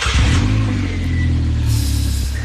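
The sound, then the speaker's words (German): A motorcycle engine runs loudly, a deep throbbing rumble that holds steady with slight swells in revs for a couple of seconds, with no voices. “Mama sagt, ich darf keinen Motorradführerschein machen, weil das sehr gefährlich ist, Motorrad zu fahren. Dabei ist das Geräusch schon gut, ne?”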